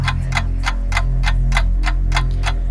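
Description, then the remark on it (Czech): A clock ticks steadily, about nine evenly spaced sharp clicks over a low droning bed, fairly loud, a 30-second countdown timer for radio listeners to send song requests, with no voices. “Tak jo, už to tiká a já vidím, že už to i cinká.”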